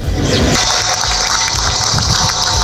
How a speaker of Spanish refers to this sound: Con este aplauso con las campanas se rompía ese minuto de silencio.